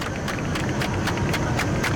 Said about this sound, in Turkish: Ve o coşku da şu an alkışlara dönüşüyor.